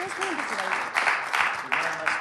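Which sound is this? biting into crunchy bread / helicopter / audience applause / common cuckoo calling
audience applause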